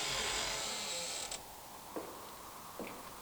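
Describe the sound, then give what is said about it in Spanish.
A door creaks open in one long, drawn-out groan at the intro of a song, stopping abruptly, followed by a few soft, sparse thuds in the quiet afterward. No one speaks. “Esta canción, tú la reconoces desde el chirrido de la puerta.”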